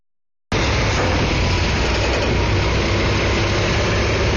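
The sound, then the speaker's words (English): A big diesel 18-wheeler truck engine idles, one of the trucks delivering a giant transportable Ferris wheel to the Capitol grounds in West Virginia, a steady, loud low rumble that kicks in abruptly and holds without change for several seconds. No one speaks. “Truck by truck, the America 250 wheel began arriving Thursday morning. It will take 10 18-wheelers and a dozen men to assemble this 700,000-pound ride.”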